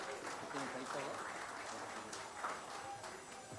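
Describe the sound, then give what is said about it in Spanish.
An audience applauds the moderator at a debate of candidates for San Martín province held with the Universidad Nacional de San Martín and Radio Tropical de Tarapoto, a dense, even patter of clapping that holds for the whole stretch without building or fading, with faint voices mixed into the noise. “El aplauso para él, por favor.”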